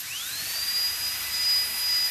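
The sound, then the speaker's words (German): A high-pitched dentist's drill whines steadily in the new ÖGK dental clinic on the first floor of the Kitzbühel health centre in Austria, its pitch sweeping upward as it spins up before holding a thin sustained tone over a faint hiss, with no voices present. “Seit gestern wird im ersten Stock des Gesundheitszentrums Kitzbühel statt in die Wände in Zähne gebohrt.”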